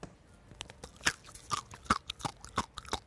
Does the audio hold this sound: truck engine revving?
no